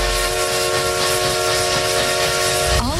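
A loud, sustained steam train whistle from the vintage Essex Steam Train in the Connecticut River Valley blows a steady chord over a constant wash of hissing steam, its pitch bending downward just before it cuts off.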